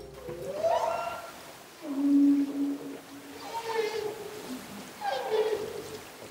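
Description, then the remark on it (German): Long, tonal whale calls recorded underwater, rising and falling moans in several drawn-out phrases with pauses between, clear over a soft hiss of background water noise. “Zum Beispiel, wenn Walgesänge in den Aufnahmen entdeckt würden.”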